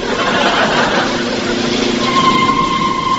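A car engine runs steadily and loudly as the car approaches a level crossing with closed gates, a constant rumbling drone with a faint whine rising into it near the end. No one speaks.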